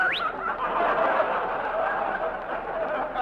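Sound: whistling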